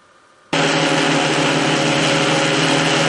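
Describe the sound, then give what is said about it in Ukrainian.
A military drone flown by Ukrainian operators of the Pomsta brigade in darkness on the Lyman direction; its steady, low buzzing hum kicks in abruptly after a brief quiet moment, then drones on loud and unbroken with a rich, whining harmonic tone and no voices. “Для ворога цей низький гул у темряві – прямий сигнал ховатися під землю.”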